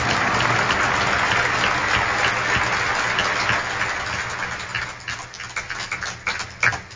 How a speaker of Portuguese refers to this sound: salva de palmas a nosso Senhor Jesus Cristo, príncipe da paz.